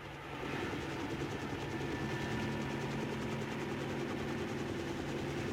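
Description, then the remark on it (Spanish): A helicopter drones steadily and loudly as it gains altitude near an island at dawn, its rotor chop and engine roar holding constant after a quick rise at the start, with no voices present. “El helicóptero toma altura como para avistar mejor el panorama del amanecer en las proximidades de la isla, que poco a poco va iluminándose con la luz del amanecer.”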